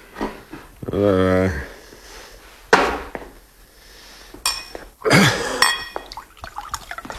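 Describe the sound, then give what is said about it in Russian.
An empty glass beer mug is banged down on a bar counter, then a bottle taken from the fridge is opened and beer pours into the mug with a gurgling, fizzy splash, fairly loud, with no talking. “Эрнест грохнул на стойку пустую кружку, выхватил из холодильника бутылку, откупорил ее и наклонил над кружкой.”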